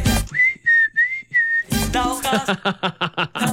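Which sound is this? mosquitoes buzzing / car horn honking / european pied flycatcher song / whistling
whistling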